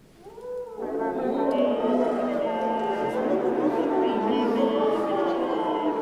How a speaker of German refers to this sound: Oder manchmal wollen die Komponisten und Komponistinnen auch, dass die Blechbläser in ihre Instrumente reinsingen.